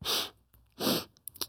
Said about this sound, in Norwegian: Vi sitter og snufser. Nei, jeg vet ikke. Jeg er ikke egentlig syk, men jeg vet ikke.